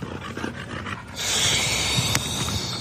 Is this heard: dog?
yes